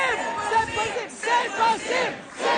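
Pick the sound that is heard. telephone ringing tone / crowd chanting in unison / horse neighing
crowd chanting in unison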